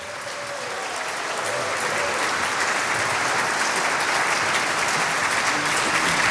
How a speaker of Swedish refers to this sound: Tänk, 90 år, Mariehamns äldsta, fortfarande verksamma och vitala 90-manskör. 90 år på Åland, det tycker jag är värt en applåd.